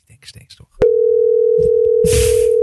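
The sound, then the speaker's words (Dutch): A steady, unbroken mid-pitched telephone dial tone as a call is placed to Sovital Legend Event Amsterdam starts abruptly after a moment of murmured talk and holds loud and constant to the end, with brief speech and shuffling noise layered over it. “We gaan gewoon bellen.”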